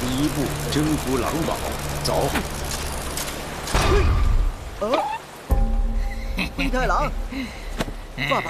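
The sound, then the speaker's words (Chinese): Steady rain hisses continuously in the background while voices talk over it, with a heavier, louder patch of downpour partway through. “下雨了，赶快找个地方避避吧。”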